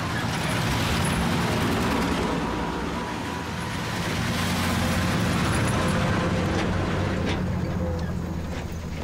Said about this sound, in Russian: Дорога в лесу. По ней двигаются два военных грузовика.